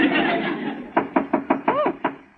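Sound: knocking on a door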